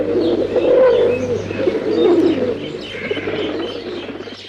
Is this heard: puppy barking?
no